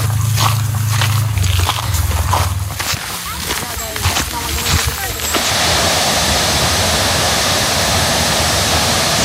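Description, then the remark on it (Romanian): A waterfall in the Seven Ladders Canyon near Brașov, Romania, rushes in a steady, loud roar that fills the last half, beside one of the canyon's ladders. A few seconds of muffled clatter and indistinct voices over the same water noise come first. “Aici avem una dintre cele 9 scări din canion care trece prin 7 cascade.”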